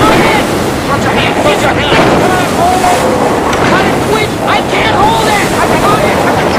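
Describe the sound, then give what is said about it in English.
Loud, continuous rush of churning water and surf, with heavy wind buffeting throughout and scattered sharp splashes, as violent waves crash against the stern of a boat and water pours onto the boat. “Water pours onto the boat as violent waves crash against the stern.”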